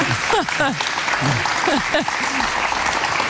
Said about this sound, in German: Ich darf jetzt schon klatschen für die Leistung.